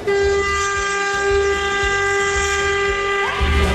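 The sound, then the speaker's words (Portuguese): A loud horn blares in one long, unbroken blast lasting several seconds, steady, with a deep rhythmic rumble of machinery underneath. “Tu quer buzinar?”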